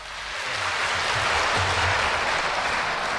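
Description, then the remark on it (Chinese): A large audience at a live crosstalk (xiangsheng) show claps continuously after a performance by crosstalk performers Jin Fei and Chen Xi, a dense, loud wash of applause that swells in quickly and holds steady for the whole few seconds, with faint low murmuring underneath. “谢谢大家热烈的掌声啊！”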